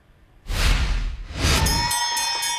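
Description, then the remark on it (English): At University of Maryland Medical Center, a burst of loud cheering and applause from doctors and nurses swells up, then a patient rings a bell marking the end of treatment, with repeated bright strikes, its sustained metallic tone carrying over the continuing crowd noise. “The chance to ring a bell surrounded by cheering doctors and nurses, a symbol of the end of a lifelong journey”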